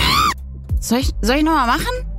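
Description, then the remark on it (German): Kim Kardashian screams loudly and high-pitched in a few sharp bursts, wavering and screechy enough to sound like a bird's cawing call, as she nearly rides into the back of Lewis Hamilton while cycling, with no other sounds around. “Die schreit so, als sie ihrem Freund Lewis Hamilton hinten beim Fahrradfahren, ist sie dem fast hinten drauf gefahren.”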